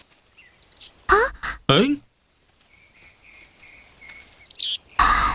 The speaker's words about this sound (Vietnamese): Là một con chim. Đúng non rồi. Hình như nó đã bị bệnh, vậy mẹ của nó chắc là đang lo lắng lắm.